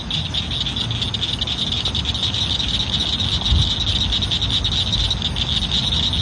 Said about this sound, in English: Let's keep sharing the sounds of summer, like these frogs recorded at Crystal Bridges Museum of American Art.